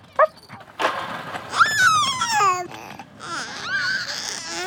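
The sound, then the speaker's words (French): A dog being walked by an old man on a sidewalk lets out a few high-pitched whines and yelps, the cries sliding downward in pitch, with no one talking. “Il croise un vieux monsieur qui promène son chien.”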